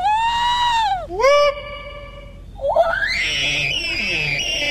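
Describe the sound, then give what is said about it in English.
Participants in the Sasquatch Calling Contest at the annual Sasquatch Party at Tosi's Checkout in Glenburn imitate Sasquatch calls: a long, wavering high-pitched whoop that dips and rises, then a second caller's rising, strained howl with crowd noise underneath. “The event, hosted by the Maine Bigfoot Foundation and the Cryptozoology Museum, also saw the return of the Sasquatch Calling Contest. Here's some participants demonstrating their calls.”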